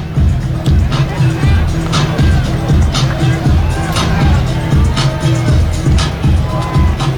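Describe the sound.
A large stadium crowd at a Lehigh versus Dartmouth football game, as the fourth quarter begins, murmurs and buzzes steadily, a dense, loud wash of overlapping voices with occasional louder shouts rising above the hubbub.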